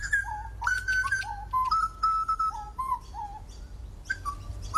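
A grey butcherbird sings a run of clear, fluting whistled notes with rich harmonics, some rising and falling, in a lively phrase over a low background rumble.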